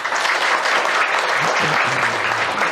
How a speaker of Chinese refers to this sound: 掌声欢迎。